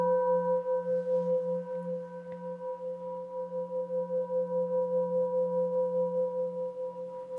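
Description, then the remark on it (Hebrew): A Tibetan singing bowl rings with a steady sustained hum made of several stacked tones (the bowl holds five to seven tones), low and mid partials held together, pulsing in a slow, regular wavering beat throughout. “בנוסף, כמובן שבקערה טיבטית, כל הקסם זה שיש יותר מצליל אחד, יש בין 5 ל-7 צלילים בקערה.”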